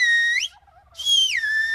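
A 'good morning' greeting in Silbo, the whistled language of El Hierro in the Canary Islands: two loud, piercing whistled phrases separated by a short pause, the first sliding upward in pitch and the second gliding downward, with no talking.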